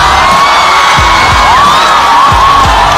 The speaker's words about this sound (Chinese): 好， 让我们掌声有请黄子弘帆。